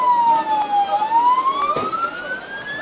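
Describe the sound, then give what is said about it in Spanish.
A wailing emergency siren in Ceuta, Spain, during night-time street altercations, sweeps down and then rises again in a steady tone, loud, with faint street noise underneath and no talking. “Y Ceuta se ha levantado también con el recuerdo de los gritos y las sirenas y la imagen de los altercados de anoche en el trampolín, con un detenido por robo violento y un herido.”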